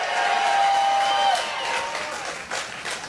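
A crowd at a sack race cheers and claps in a loud, steady roar, with a shrill whistle piercing through the first second or so before the noise eases slightly and carries on.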